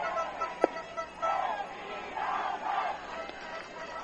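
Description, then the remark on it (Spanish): Fans of the Filibusteros baseball team cheer in a stadium in the rain during the eighth inning after a hit drives in a run, a dense crowd roar that swells in several rolling waves, with a sharp brief burst near the start and scattered shouts within the din. “Ahí está. La fanaticada filibustera.”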